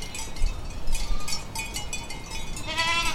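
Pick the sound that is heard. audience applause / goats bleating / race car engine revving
goats bleating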